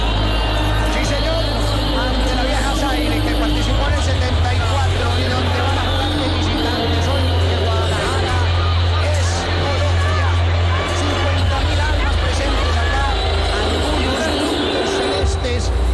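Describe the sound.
A dense stadium crowd in Guadalajara roars and shouts continuously, shouting Colombia during the national anthem at a Colombia match, a loud wall of many voices with scattered whoops and cheers rising above the steady babble, with a low droning rumble underneath throughout.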